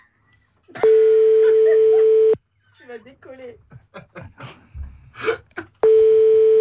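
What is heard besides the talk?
telephone dialing tones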